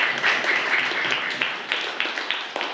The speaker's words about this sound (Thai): นักเรียนปรบมือให้กับตัวอย่างหน่อยเร็วนะครับ